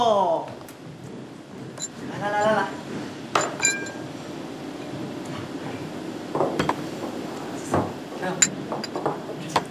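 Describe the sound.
Several bright, sharp clinks of glasses ring out at irregular moments during a toast, over a low background of voices and table noise, moderately loud.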